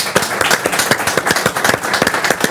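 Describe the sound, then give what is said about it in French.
Audience applause: a steady stretch of many hands clapping together, dense and fairly loud, with sharp overlapping claps and no voices. “Eh ben, on peut l'applaudir, merci beaucoup.”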